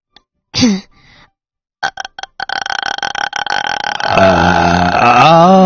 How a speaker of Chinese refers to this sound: 哦，哎，气泡音能不能现场给我们发一个，我看看是什么样的声音。来，开始。